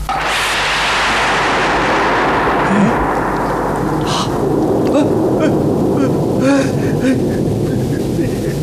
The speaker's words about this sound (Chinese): 怎么回事？晴天打雷！